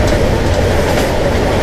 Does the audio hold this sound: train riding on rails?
yes